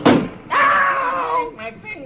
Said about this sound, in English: I better close this window. And she slams the window down on Beetle's hand.